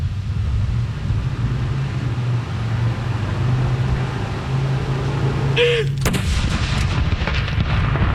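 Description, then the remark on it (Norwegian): After several seconds of steady low background rumble, a single loud cannon salute fired at Akershus Fortress booms out, followed by a rolling, reverberating echo that crackles and fades over the final seconds. “Det er ikke så mange som... Astre kanon!”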